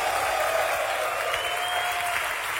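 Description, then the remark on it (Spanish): An audience applauds Shaddai (God) steadily, a dense, even wash of many hands clapping at constant loudness for the whole stretch, with a faint sustained tone beneath and no voices rising above. “Ese aplauso a Shaddai.”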